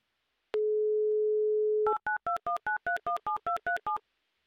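A steady telephone dial tone hums for over a second, then cuts to a quick run of about ten evenly spaced two-pitch keypad beeps as a number is dialed to call a woman in Dmitrov. No voices.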